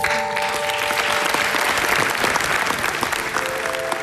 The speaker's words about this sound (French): On peut l'applaudir.